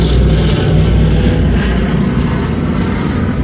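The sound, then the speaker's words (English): A loud, steady engine roar fills the whole stretch, deep and rumbling with a broad hiss above, holding constant as aircraft engines rev up for takeoff after the empty gas tanks are filled with high-octane aviation gasoline, without any voices. “They quickly fill the empty gas tanks, rev the engines, and take off.”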